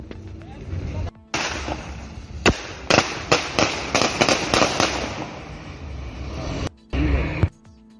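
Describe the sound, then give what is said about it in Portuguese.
A rapid string of sharp gunshots, fired at a drunk-driving checkpoint in Brazil on 28 October 2023, cracks out in quick succession over a noisy outdoor background, loud, with a few more isolated bangs at the start and end. “Foram esses 2 tiros, 3 tiros.”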